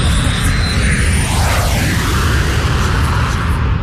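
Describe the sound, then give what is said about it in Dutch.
A loud, steady jet airliner roar fills the whole stretch, a broad rumbling whoosh with a sweeping, shifting tone as the Boeing 737 passes overhead. No one speaks. “Okay. 737. Ja, ik zie het, ja.”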